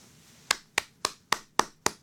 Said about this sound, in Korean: 박수 한번 드립시다. 박수 한번.